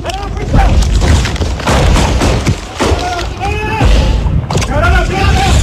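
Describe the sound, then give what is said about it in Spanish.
Sharp gunshots crack out repeatedly and irregularly, loud and booming, during a shootout between authorities and criminals in the Los Alpes neighborhood of Ciudad Bolívar, while several people shout urgently over and between the bursts of fire. “pero escuchen ustedes mismos los momentos de tensión y la balacera que se vivió en el barrio Los Alpes de Ciudad Bolívar.”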